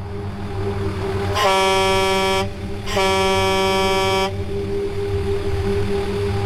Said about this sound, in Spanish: Volví a hacer sonar las cornetas una vez más y tampoco escuché ni vi nada.